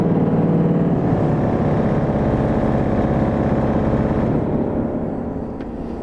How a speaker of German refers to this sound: Mal klingen die wie Trompeten und mal viel weicher. Und wenn Winfried die Fußpedale nutzt, dann werden die großen 12-Meter-Pfeifen angespielt.